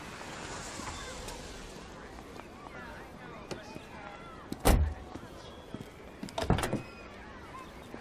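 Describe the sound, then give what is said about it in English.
A door is handled with two solid thumps, one and then another a couple of seconds later, set against steady outdoor background noise with faint murmuring. “Let me give you a door.”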